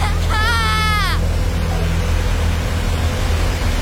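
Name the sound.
loud rushing water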